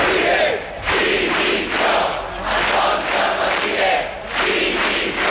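Protesters in Palma at midday chant a slogan in unison against the police charges at Sunday's demonstration against mass tourism, the shouted phrases rising and falling in a steady rhythm, repeating about four times with brief dips between each call.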